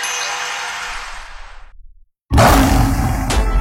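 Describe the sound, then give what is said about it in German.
A lion's deep, rumbling roar fades away, then after a brief silence a second loud roar bursts in and carries on, heard in a Peugeot SUV Löwentage advertisement. No one speaks. “Die Peugeot SUV Löwentage sind da.”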